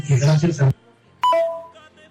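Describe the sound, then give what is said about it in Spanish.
Someone talks briefly, then after a short pause a telephone rings once with a bright electronic tone that steps down slightly in pitch and fades out over about a second. “Ahí ya nos está sonando el teléfono.”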